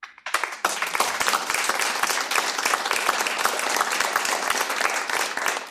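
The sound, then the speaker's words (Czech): A crowd applauds steadily, dense overlapping claps filling the whole stretch at an even, fairly loud level after a brief quieter start. “tleskáme ti.”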